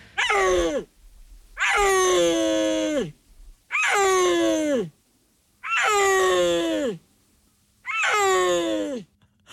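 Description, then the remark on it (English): A big cat of the Central Asian mountains, captured on camera in a Chinese national park in northwest China around 2020, calls five times in a steady rhythm, each loud, wailing yowl lasting about a second and sliding downward in pitch, with short silences between. “big cats that live in the Central Asian mountains.”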